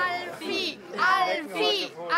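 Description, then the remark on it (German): Spectators at a snail race, mostly high-pitched children's voices, cheer and shout encouragement to the racing snails in three or four loud, overlapping bursts with brief dips between them. “Ich höre hier Anfeuerungsrufe, aber die hören das nicht.”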